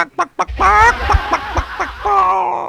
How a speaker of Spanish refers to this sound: Porque cuando la gallina pone, cacarea. Sí, sí, claro. ¿Te imaginas escuchar el cacareo de 6.000 gallinas?